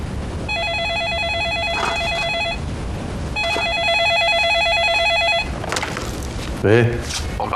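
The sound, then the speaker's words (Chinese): A phone rings in two long electronic bursts of rapid, warbling trills separated by a short pause, clear, with faint background voices and movement underneath; the call is from a lawyer. “律师来电话了”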